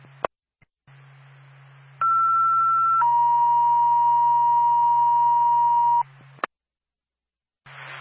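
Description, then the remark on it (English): Ambulance dispatch alert tones from Twin State dispatch for the Bethlehem ambulance: a loud, steady higher-pitched tone for about a second, then a lower tone held for three seconds, over a constant low radio hum with brief clicks. “State the Bethlehem ambulance. Stand by for tone.”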